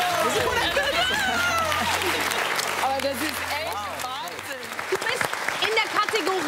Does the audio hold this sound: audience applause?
yes